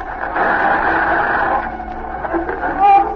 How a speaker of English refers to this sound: There's the interference again. Cut off the radio.